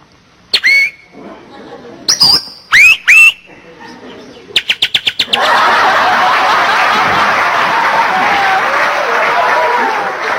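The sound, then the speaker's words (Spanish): A person imitates a female bird whistling flirtatiously in about four bright, swooping chirps, followed by a quick run of sharp clicking pulses, then a steady wash of audience applause and laughter fills the rest. “Al fin, dijo el pajarito, y la pajarita toda coqueta le comienza a silbar, ¿no?”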